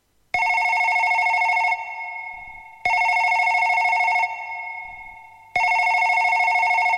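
A telephone rings three times in a steady, evenly spaced pattern, each loud electronic trill lasting over a second with a fading tail between rings. No voices are heard.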